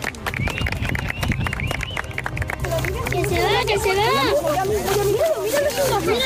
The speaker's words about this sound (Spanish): Con emoción, lágrimas y como ven con aplausos, así recibíamos los castellanos y leoneses a ese eclipse de sol.